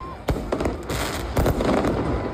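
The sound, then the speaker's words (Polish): Fireworks set off by Argentine football fans, who danced, sang and celebrated until 2 a.m. after their national team lost the final, bang repeatedly in quick, irregular succession: several sharp loud cracks over a dense crackling background, with faint crowd noise and voices mixed in. “Fani Leo Messiego i jego kolegów tańczyli, śpiewali, odpalali fajerwerki do 2 w nocy, czyli do 7 rano czasu polskiego.”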